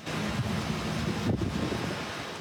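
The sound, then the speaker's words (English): Strong storm winds with sheets of rain pound Medicine Hat, roaring steadily with heavy, rumbling buffeting on the microphone and a broad hiss across the whole clip, surging briefly midway. No voices are heard. “Sheets of rain and wild winds pounding the area.”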